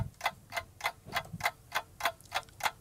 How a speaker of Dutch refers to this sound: Oh, de tijd is op, jammer. Nee, wacht even. Oh. Met een nieuwe klok.